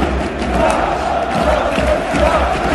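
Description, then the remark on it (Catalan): A massive football stadium crowd chants for independence in unison at minute 17:14 of the match, a dense, steady roar of many voices with rhythmic surges, loud and sustained throughout with no single voice standing out. “Van tornar i van tornar també els crits d'independència al minut 17-14.”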